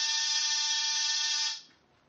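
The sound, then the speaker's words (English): An apartment door buzzer sounds once in a steady, harsh electric drone lasting about a second and a half, then cuts off, leaving faint background hiss. “After disturbing 7 occupants of 7 different apartments and getting 7 nasty comments, I rang one buzzer.”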